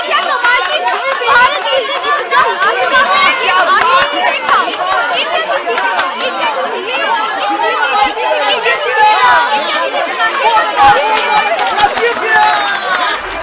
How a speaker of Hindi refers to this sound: अनुष्का भीड़ की बातों को ध्यान से सुन रही थी।